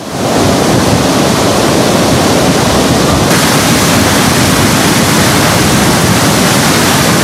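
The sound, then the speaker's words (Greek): A loud, steady roar of floodwater from the swollen Zonianos river rushing down from the heights at Zoniana in a storm on its third day, carrying mud and debris, a dense continuous wash of churning water that fills the whole scene without pause, with no voices. “Από ψηλά ο Ζωνιανός ποταμός κατεβάζει τεράστιες ποσότητες νερού. Με την ορμή του χυμάρου να αποτυπώνει το μέγεθος της κακοκαιρίας που πλήττει για τρίτη συνεχόμενη μέρα την περιοχή.”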